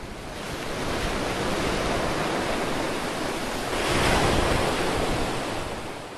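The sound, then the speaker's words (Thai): Loud, continuous surf roars as ocean waves crash and churn against rocks in rough, windy seas, building to a heavier surge midway, with wind-like hiss filling the background and no voices. “ท้องทะเลช่างไร้ความปราณีต่อเจ้าตัวเล็กนี่จริง”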